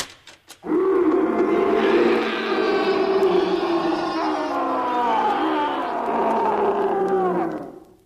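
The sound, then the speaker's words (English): A few sharp clicks, then a tiger that is being released lets out a long, loud, sustained roar, holding for about seven seconds with a slowly wavering pitch before cutting off. No one speaks. “Now, the first thing to do when you're being stalked by an ugly mob with red currants is to release the tiger.”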